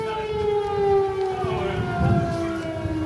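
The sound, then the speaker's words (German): An air raid alarm siren sounding repeatedly at a harbour on a Thursday, sending a patrol crew to shelters, wails steadily on a sustained tone with harmonics, pitch sagging slightly over time, over a low rumbling background. No voices. “Und das ist eigentlich ein ganz gutes Stichwort, weil die Crew und wir diese Schutzräume am Donnerstag, als wir diese Patrouille begleiten sollten, im Grunde im Hafen ständig aufsuchen mussten, weil ständig Alarm herrschte.”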